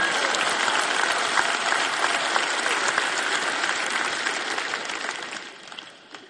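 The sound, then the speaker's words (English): A large conference audience claps steadily in a dense, sustained wave of applause that holds for several seconds before tapering off at the end; no one speaks over it. “And this, you clap, you cheer.”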